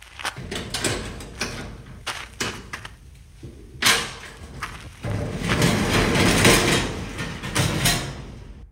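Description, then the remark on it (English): A storage unit door is opened: several sharp clunks and thuds, then a long, loud rattling scrape as the door rolls up, with no talking. “Let me open the door.”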